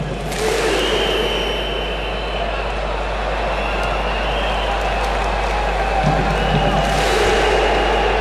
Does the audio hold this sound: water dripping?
no